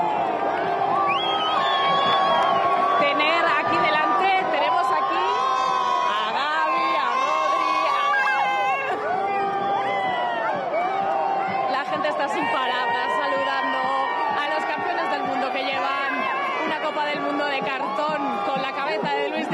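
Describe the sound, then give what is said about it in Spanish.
A large street crowd cheers and shouts continuously, with whoops, overlapping chatter and high excited voices, as the champions pass by on their bus, the din staying loud and steady throughout. “Todo el mundo quiere ver de cerca a estos campeones que en este momento, ahora mismo, está pasando por delante de donde nosotros estamos.”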